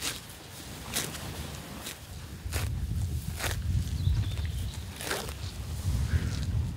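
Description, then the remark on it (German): Cows grazing on a pasture of grass, herbs, clover and dandelion by the Zierker See, with repeated sharp tearing and ripping bursts as they pull off the grass, spaced irregularly over a steady low rumble of chewing and movement. No voices. “Das sind doch schöne Geräusche, wie so Kühe das Gras abrupfen.”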